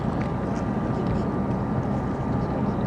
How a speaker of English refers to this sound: Now we see the boats coming into Galveston Bay on their first lap. Once again, Team Florida, Chiller, Mobile One, Cutting Edge, and Taz in this first of two heats in S-Class.